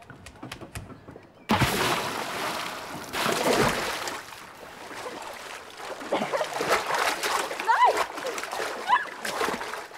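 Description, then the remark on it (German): Someone splashing into cold lake water while swimming: after a brief quiet start, a loud burst of sloshing and splatter churns on steadily, with voices and a few high chirps mixed in. “Ich geh schwimmen. Ich komm mit. Geht langsam rein. Das Wasser ist noch ziemlich kalt.”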